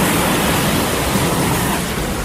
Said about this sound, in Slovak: pre mňa najväčšou terapiou zvuk morských vln na pláži. Keď zavriem oči a počujem, ako sa jedna za druhou rozbijajú o breh, úplne vypnem.